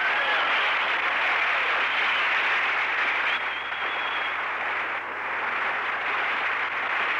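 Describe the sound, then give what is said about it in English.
A large audience applauds continuously, a dense, steady wash of many hands clapping that holds full strength for several seconds with only a slight dip partway through. “Clap them hands.”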